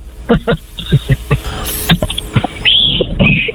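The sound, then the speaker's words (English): After a few seconds of people talking, a breathy, high whistle sounds twice, each note sliding up and then down in pitch, fairly loud against a faint hissy background; the whistling is done by a neighbor. “Oh, you just did a fake whistle.”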